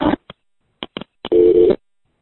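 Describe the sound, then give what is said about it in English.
A few sharp clicks over a payphone line as the call cuts off when the caller runs out of time, then a steady electronic dial tone hums for about half a second before cutting off. Thin, narrow phone-line sound with no voices. “Anyway, I'm out of time and this phone won't take my next quarter, so talk to you soon.”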